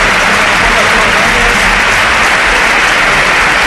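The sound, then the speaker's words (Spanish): A large stadium crowd at El Sardinero applauds steadily during a Racing–Alavés football match as Alavés player Aitor Mañas is taken off the pitch on a stretcher: a dense, loud wash of clapping that holds evenly throughout with no pauses, blending into a broad roar. “Sí, sí, sin duda alguna, los campos de Sport del Sardinero que se han volcado con Aitor Mañas, ahora se vaya en camilla el terreno de juego y ahora, mira, así suena el Sardinero, que le aplaude todo el mundo.”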